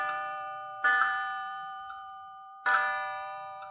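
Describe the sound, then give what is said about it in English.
A wall clock in the therapy pavilion of a psychiatric hospital chimes with bright, resonant bell tones, a few struck notes, each ringing out and slowly fading, with a distinct hesitation between the second and third note. No one speaks. “I couldn't bring it into sharp focus, but I knew that the number 3 was slightly chipped, and that when it chimed, there was distinct hesitation between the second and third note.”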